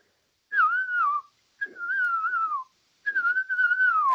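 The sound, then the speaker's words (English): A person whistles an imitation of a ground cuckoo-shrike's call: three sustained, slightly wavering mid-pitched whistles, each sliding gently downward, separated by short pauses, clear and alone. “Okay, so give us your best ground cuckoo shrike”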